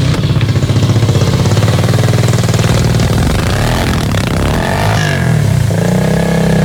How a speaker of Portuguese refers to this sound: A motocicleta lá, ó, né?